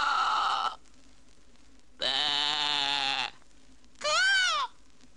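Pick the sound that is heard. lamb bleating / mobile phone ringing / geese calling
lamb bleating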